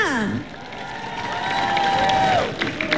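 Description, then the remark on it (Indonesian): A crowd applauds and cheers steadily for about three seconds for the artists' performances at an evening show, with high gliding whoops and shouts rising over the dense clapping, which stays loud throughout. “Berikan tepukan kepada untuk semua persembahan artis kita.”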